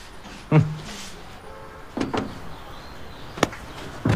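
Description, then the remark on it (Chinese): A heavy old wooden chair is shifted at an old-furniture business: a solid thump, a pause, then a short scraping drag and a few sharp knocks, with no voices. “这椅子也是老物件。 哎，沉了这个。”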